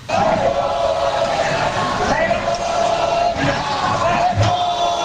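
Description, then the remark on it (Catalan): A protest crowd shouts 'shame' in unison as they listen to Míriam Nogueras speaking at the podium of the Congress, a sustained, loud roar of many voices with rising and falling cries throughout. “Crits de vergonya”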